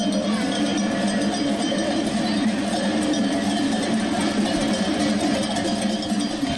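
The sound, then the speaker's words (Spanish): A dense jangle of many bells clanks continuously as a large flock of sheep moves through streets of Huesca before 8 in the morning, with a steady low rumble of traffic or movement underneath and no clear talking. “Un gran rebaño de ovejas transitaba desde antes de las 8 de la mañana por diversas calles de Huesca, llamando la atención de transeúntes y conductores.”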